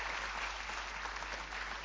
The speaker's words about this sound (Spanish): El fuerte aplauso para Alejandro Dolina.